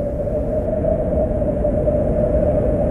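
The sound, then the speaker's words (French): Strong wind of an approaching storm roars in a steady, low, rumbling rush that stays loud throughout, with no pauses and no voices. “Le vent commence à souffler de plus en plus fort, et il semblerait qu'une tempête se prépare.”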